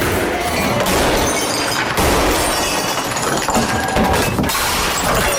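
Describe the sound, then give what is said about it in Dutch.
Loud, continuous smashing and shattering of glass as bottles, car windows and display screens are broken. Dense crashes and tinkling shards pile over one another for several seconds, with brief lulls before the breaking surges again. “Flessen, autoruiten, beeldschermen.”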